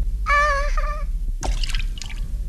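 A bright, squeaky tonal whistle slides briefly, then Jiminy drops into Figaro's cup of milk with a wet plop followed by a few light splashes and drips.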